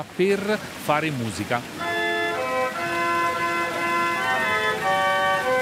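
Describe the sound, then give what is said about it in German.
A water-powered organ, its pipes hidden behind a grille in a niche of a fountain, plays sustained chords with steady, layered pipe tones after a few brief voices at the start, against a constant hiss of splashing fountain water. “Alle 2 Stunden ertönt die Orgel heute.”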